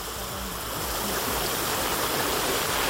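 Rushing water from heavy rain pours steadily through a flooded street by a construction repair site, a dense, continuous roar of churning water that swells slightly louder as it goes on, with no voices.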